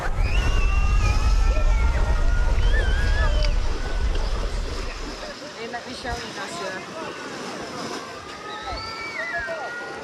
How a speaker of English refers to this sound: Look at this. This is the beach in Odessa. While we've been here, the alarm's gone off, what, two or three times? Yeah. No one has moved a muscle.